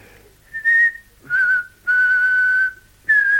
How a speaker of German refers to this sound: Also, fang schon an zu pfeifen. Jawohl, Herr. Zu pfeifen, ja.